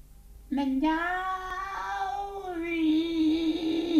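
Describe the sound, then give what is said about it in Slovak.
A long, drawn-out meow, loud, rising then sliding into a second strained, nasal stretch lasting several seconds; it may be a person's voice imitating a cat rather than a real cat. “Kocúr! Mňauk!”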